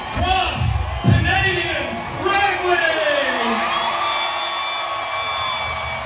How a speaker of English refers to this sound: To have that excitement, to have that kind of crowd, I mean, it's going to do nothing but pour gasoline on any kind of creative force, I think.